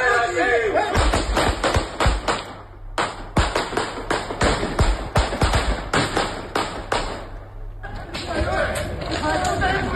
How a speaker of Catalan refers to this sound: És l'intercanvi de trets entre 4 lladres i 2 guàrdies civils.